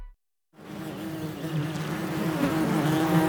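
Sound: bee buzzing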